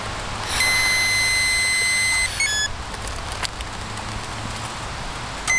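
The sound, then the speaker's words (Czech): A breathalyzer emits a steady, high electronic tone for about two seconds while a motorcyclist exhales into its tube during a police preventive check at Červenohorské sedlo, then it stops with a short blip, leaving quiet outdoor background noise. “Můžete po dobu tónu výdech do trubičky.”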